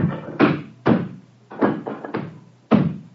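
Heavy, booming blows pound against a door, about six forceful thuds in an uneven rhythm, loud, each with a short resonant rumble as someone tries to smash in the door to reach Henry Jekyll.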